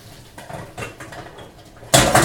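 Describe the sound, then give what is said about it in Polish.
Clatter of a pot being handled, then a sudden loud rush as the water from a pot of boiled eggs is poured out through a sieve, hissing and splashing for a moment. “Biorę garnek, aby je odcedzić. Przelewam wodę po prostu przez sitko.”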